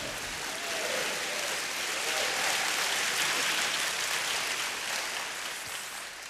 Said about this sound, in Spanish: Vamos, dele palmas al Señor. Aplauda al Santo.